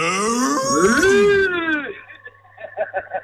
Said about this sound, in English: My daughter's been listening since 9 o'clock and she's like, when are they going to do the moo? Moo!